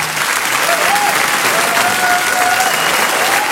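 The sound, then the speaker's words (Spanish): Steady, dense applause from an audience, a continuous wash of clapping at even loudness throughout, with a few faint tonal whistles or voices threading through the noise. “Cuando empiezan los aplausos, todo lo demás desaparece.”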